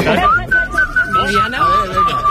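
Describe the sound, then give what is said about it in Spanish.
A person whistles a short tune, the clear tone stepping between held notes, while other voices talk quietly underneath. “Se me da mejor silbar.”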